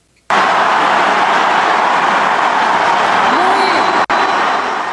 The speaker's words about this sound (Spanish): En Guanajuato estuvo acompañada por la gobernadora panista Livia Denise García. Sin embargo, cuando la mandataria fue presentada ante los asistentes, comenzaron los abucheos. La presidenta interrumpió el acto.